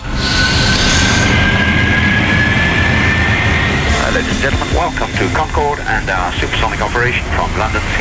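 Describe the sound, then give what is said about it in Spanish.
A loud, steady roar of the Concorde supersonic airliner, recorded on a real flight, with a thin high whine slowly rising in the first half and voices talking over the constant rumble afterwards. “Este es un sonido real, de un vuelo real.”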